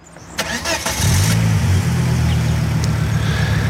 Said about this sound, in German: Der Motor ist von einem silbrigen Volvo aus den 90er Jahren.